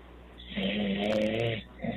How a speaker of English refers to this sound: He's snoring.